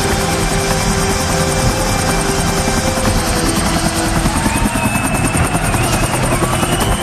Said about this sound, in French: se vengera dès le lendemain 5 septembre en arrivant sur le stade en hélicoptère.